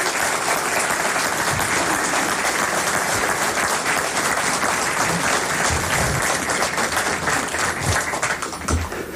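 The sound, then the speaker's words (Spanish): Sustained applause from an audience for the singers of Nilagüe Cornejo, a dense, steady wash of many hands clapping at a loud, even level for several seconds, with no talking over it. “Pero están aquí y ustedes van a ser sus acompañantes, porque les voy a pedir, para antes de presentarla, un primer aplauso para estas cantores de Nilagüe Cornejo que están con nosotros.”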